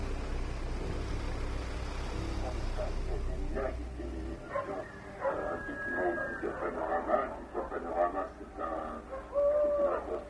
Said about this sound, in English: It is the same owl.